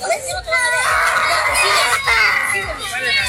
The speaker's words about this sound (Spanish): Bueno, se sienten gritos, se siente de todo.